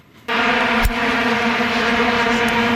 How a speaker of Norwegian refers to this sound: Ja, vi må bli litt nostalgiske her, eller hvis ikke alle blir nostalgiske av dette her, for i Sør-Afrika ble vi veldig godt kjent med lyden av vuvuzela i 2010.